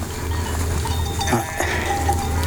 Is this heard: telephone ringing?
no